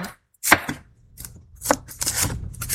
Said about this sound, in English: That's great. It's like perfect, perfect slices through that bell pepper.